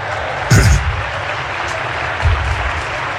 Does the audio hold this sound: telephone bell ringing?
no